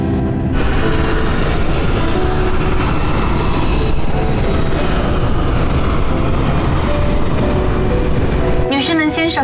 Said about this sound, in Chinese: 30分钟后就会上升到巡航高度，感觉飞机声音变小了吧？因为我们不再需要那么大的推力